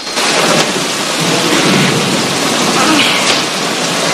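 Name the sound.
heavy rain pelting down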